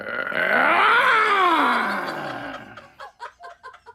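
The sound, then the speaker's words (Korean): A tiger, sitting still with its mouth wide open, lets out a long, loud growling roar that swells and then fades, followed by several short, choppy grunts. No one speaks. “근데 호랑이가 가만히 있네? 어? 입만 크게 벌리고 왜 가만히 앉아있지?”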